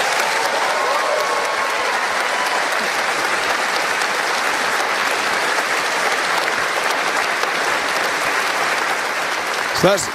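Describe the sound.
A crowd claps steadily and loudly for about ten seconds, a dense, unbroken wash of applause with some cheering mixed in, cheering a speaker's announcement of new legal routes for refugees, including Afghan women and Palestinians, ending as a voice briefly breaks through.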